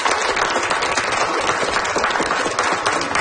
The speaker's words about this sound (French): merci beaucoup d'être passé ici pour répondre aux questions de notre jeune public. Je pense qu'on peut lui donner une bonne main d'applaudissements. Merci.